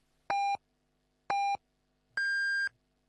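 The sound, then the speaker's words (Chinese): Three electronic radio time-signal pips, clear and alone: two short identical lower beeps about a second apart, then a longer, higher-pitched final tone marking six o'clock Beijing time. “现在是北京时间6点整。”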